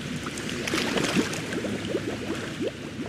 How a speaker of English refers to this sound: Sounds like you're going to take a nice big breath. You're going to go down. And then you're just going to blow out all those bubbles and push them out to the world like this.